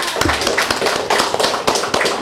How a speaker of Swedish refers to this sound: En stor applåd.